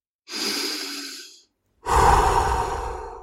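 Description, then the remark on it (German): A slow, deep breath drawn in with a soft airy hiss, a short pause, then a fuller, louder exhale with a breathy rumble. No talking. “Können wir denn gar nicht mehr durchatmen in schnelllebigen Zeiten wie diesen?”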